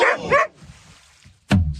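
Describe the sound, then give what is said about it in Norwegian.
A dog barks in quick, loud bursts: two sharp barks close together, a short pause, then another abrupt bark, with faint background noise in between. “Var det en hund med som heier på England, eller?”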